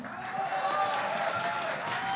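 An audience applauds steadily, a dense wash of many hands clapping at once that holds at an even, fairly loud level throughout, with some crowd murmur mixed in.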